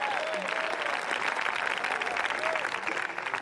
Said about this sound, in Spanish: ¿Cuántos alaban al Cristo de la Gloria? Denle fuerte ese aplauso si es para el Señor en esta hora.